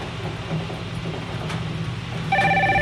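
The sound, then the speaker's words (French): A telephone begins ringing near the end during a broadcast on radio station FM 103.3, announcing a full card on the blue sheets; a bright electronic trill cuts in over a steady low rumbling hum that runs throughout. “Alors, le téléphone annonce une carte pleine sur les feuilles de couleur bleue.”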